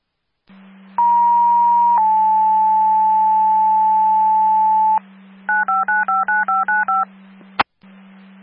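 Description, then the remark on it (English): Radio dispatch alert tones sent before dispatching a unit to a call: a long steady tone that steps slightly lower in pitch, then a quick series of eight short dual-pitched beeps and a sharp click, all over a low, constant radio hum. “Copy, do they need tones? Affirm.”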